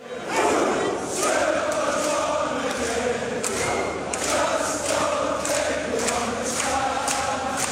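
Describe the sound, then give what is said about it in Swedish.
A loud crowd of Scottish football fans chanting together during the football World Cup in Boston, USA, a dense roar of many voices with steady rhythmic accents running through it, continuing without a break. “Vi festar vidare, men nu på skotskt vis.”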